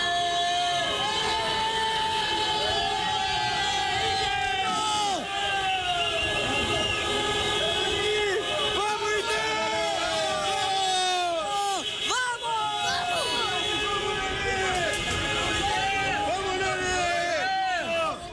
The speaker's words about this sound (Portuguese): agora o torcedor tava aqui no estacionamento e eu quero ouvir mais uma vez a buzina pro gol do Inter, pra essa vitória que vai iniciar a nossa recuperação.